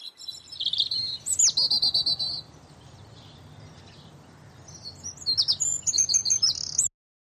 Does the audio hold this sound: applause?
no